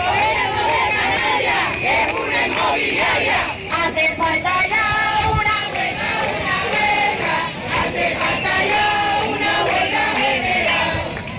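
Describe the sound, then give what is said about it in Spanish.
A large crowd at a street protest against rising rents in Las Palmas de Gran Canaria or Santa Cruz de Tenerife, Canary Islands, shouts and chants together outdoors, a loud, continuous mass of many voices with rising rhythmic cries and a dense babble underneath, sustained throughout. “Las protestas han recorrido las calles de Las Palmas de Gran Canaria y Santa Cruz de Tenerife, con concentraciones también en Arrecife y Puerto del Rosario, en Lanzarote y Fuerteventura, respectivamente.”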